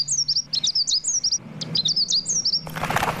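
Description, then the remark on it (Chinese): Clear, melodious birdsong-like chirps, whistled by a person with a finger in the mouth, repeat in quick, bright bursts of rising and falling tweets, ending in a brief rush of fluttering, wing-like noise. “小家将说着，把一根手指塞进嘴里，竟吹出了一阵清亮悦耳的鸟鸣声来。”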